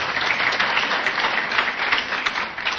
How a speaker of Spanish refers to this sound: Fuertes palmas al Señor.